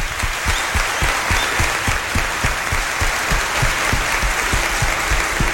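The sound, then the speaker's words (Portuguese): An audience applauds steadily for a school, the Escola Municipal Dr. Afonso Pena Júnior, during a mass, many hands clapping in a dense, continuous patter, with sharper individual claps standing out in a loose rhythm. No voices rise above it. “Vamos dar uma salva de palmas para a escola.”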